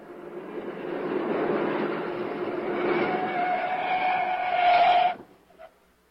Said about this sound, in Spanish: Ahí viene un auto libre y lo vamos a ocupar en que nos lleve a tu casa.